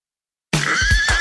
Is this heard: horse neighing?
yes